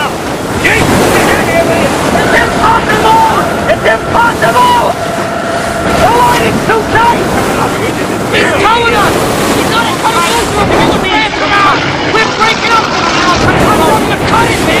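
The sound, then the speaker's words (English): Heavy waves crash violently against a boat's stern, pouring water onto the boat, loud, with gusting wind and a steady roar of surging water throughout, and indistinct voices mixed into the din. “Water pours onto the boat as violent waves crash against the stern.”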